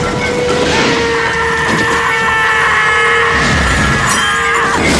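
A cart loaded with metal ingots plunges down and a shower of ingots crashes to the ground: a loud, continuous clattering crash of metal, with heavy pieces tumbling and scraping and sustained ringing metallic tones over a rumbling low end, lasting several seconds without a pause.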